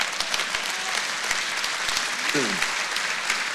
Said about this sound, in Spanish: Wow, yo quiero que eso sea un aplauso más fuerte.